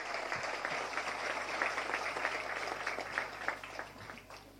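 An audience claps steadily, a dense patter of many hands that holds fairly even throughout before easing slightly toward the end, with no voices standing out; applause for the president in support of the 'ruta del arroz' project.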